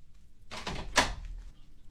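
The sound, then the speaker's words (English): A front door opens: a brief scraping rush of movement followed by a sharp knock-like clunk from the latch, then quiet. There is no talking. “Hang on a sec, there's someone at the door.”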